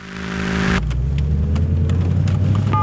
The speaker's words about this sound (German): Jetzt leg doch einfach mal das Handy weg und schau auf die Straße. Achtung, da ist ein Auto. Ups.